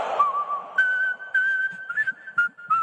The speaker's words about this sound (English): whistling should be reserved for …